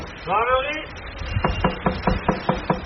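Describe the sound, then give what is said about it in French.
A brief voice calls out, then gendarmes rap firmly on a house door as they go round the houses during an evacuation ahead of a fire: about eight sharp knocks in a quick, steady rhythm, with a faint background murmur. “Les gendarmes qui tapent aux portes, qui font le tour des maisons.”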